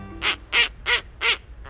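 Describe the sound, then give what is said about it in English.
Snowy owl calls: four harsh, raspy barks at an even pace, each about a quarter second long, then a fainter fifth note trailing off. No voices. “Snowy owls are glamour birds.”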